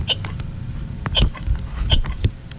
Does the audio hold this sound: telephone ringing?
no